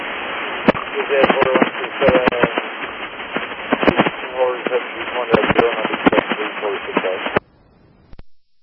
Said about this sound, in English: All air to static, over. Still just static is on here and over.